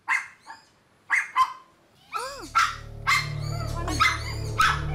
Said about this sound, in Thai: ลัคกี้หยุดเห่าเดี๋ยวนี้เลยนะแกนี่